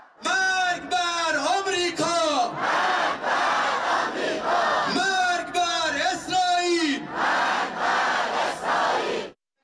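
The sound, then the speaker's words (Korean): A large crowd chants loud rhythmic slogans in unison at the Iranian national team's send-off ceremony in a square in Tehran, held in the atmosphere of a pro-war rally; voices rise and fall in repeated phrases with brief pauses between, continuous and forceful throughout. “앞서 테헤란 광장에서 열린 대표팀 출정식은 전쟁 지지 집회 분위기였습니다.”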